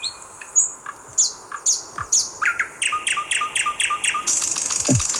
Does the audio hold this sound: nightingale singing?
yes